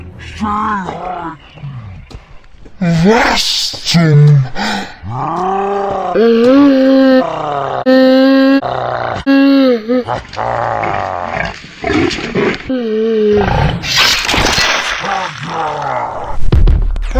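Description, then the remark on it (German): A male wild boar (Keiler) named Herbert, accidentally hit by a shot, grunts and roars loudly in repeated, drawn-out bursts with rising and falling pitch, while a person speaks briefly amid the noise. “Heißen die hier nicht Wildschweine? Das ist ein Keiler!”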